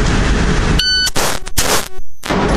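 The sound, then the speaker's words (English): A single short electronic shot-timer beep, harsh and buzzy, sounds as the cue for a shooter in a shooting drill, followed by several loud, sharp bursts of noise as the shots are fired. Nobody speaks. “Once again, the buzzer will be your cue.”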